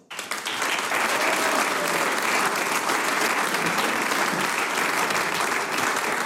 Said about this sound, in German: Es dreht sich nämlich viel um den Genuss und eine, die das weiß, darf ich jetzt mit einem großen Applaus auf die Bühne bitten.